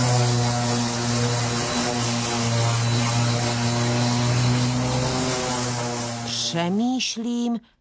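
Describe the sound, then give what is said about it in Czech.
A small lawn mower engine drones steadily with a buzzing, harmonic hum, then sputters and revs up and down briefly near the end before cutting off, as grass is cut in a garden. “Já už vím, tenhle zvuk jsem slyšel na zahradě, když se sekala tráva.”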